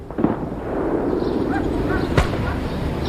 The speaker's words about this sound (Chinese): 临近春节，北方的气候依旧寒冷，空气灰蒙蒙的，远方偶尔传来像鞭炮又像枪声的闷响。